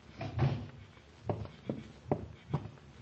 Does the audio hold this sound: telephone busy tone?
no